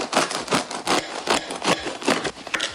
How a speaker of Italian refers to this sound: È qualcuno che sta tagliando del pane.